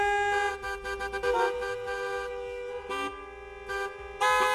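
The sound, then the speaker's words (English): Car horns honk repeatedly and loudly, long sustained blasts overlapping with short toots, against a low rumble of traffic in the town of Tara as thousands of cars and caravans make their way into the campgrounds ahead of a festival; no one speaks. “Yeah, as thousands of cars and caravans make their way into the campgrounds as we speak ahead of the Tara Festival.”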